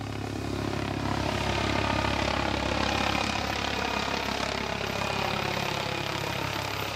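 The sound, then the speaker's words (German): A federal police helicopter drones steadily overhead during an evacuation from a spreading fire, its rotor and engine noise a loud, constant roar with a low rhythmic throb that holds for the whole stretch without fading. “Und dann irgendwann kamen dann Hubschrauber von der föderalen Polizei und wir wurden evakuiert.”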